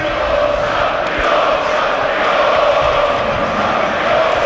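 A large crowd of football fans chants together in a loud, steady, unbroken roar of many voices that holds at an even level for the whole stretch.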